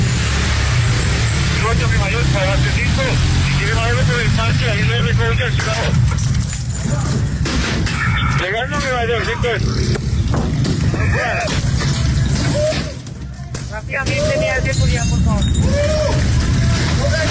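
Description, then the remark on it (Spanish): A loud, chaotic street confrontation in the La Leona sector of La Estanzuela as women attack police with stones and sticks: many overlapping shouting voices, with scattered clattering and banging impacts of thrown stones and sticks, over a steady rumble of traffic. “Piedras y palos, así recibían a la policía estas mujeres que organizaban todo lo que pasa en la Estanzuela.”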